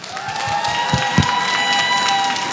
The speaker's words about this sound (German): Es ist wirklich schön, mit welcher Stimmung ihr hier angetreten seid. Es macht richtig Spaß mit euch als Publikum. Nochmal einen fetten Applaus bitte für euch.